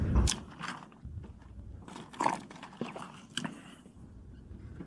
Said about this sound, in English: when he was getting asked the question, he took a sip of water, which gave him extra chance to think before he wanted to answer the question.